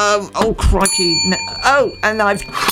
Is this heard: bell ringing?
yes